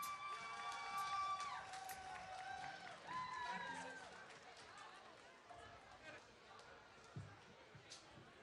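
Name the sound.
audience applause and cheering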